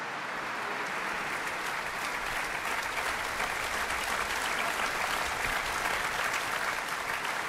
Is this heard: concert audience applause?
yes